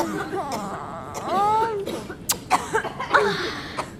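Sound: coughing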